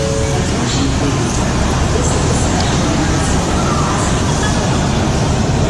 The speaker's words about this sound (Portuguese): E depois de 3 proveitosos dias, nós arrumamos as malas e partimos para a Union Station, a segunda estação de trem mais movimentada da América.